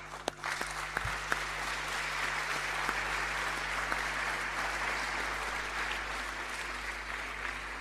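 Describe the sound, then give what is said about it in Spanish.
A crowd claps steadily for children and young people who entered a drawing contest, a dense wash of many hands that starts with a few sharp claps and holds at an even, fairly loud level without pause. “Entonces tenemos niños y jóvenes que han participado en este concurso, a los que voy a invitar, aquellos que presentaron su dibujo, que pasen todos aquí adelante y le vamos a dar un fuerte aplauso.”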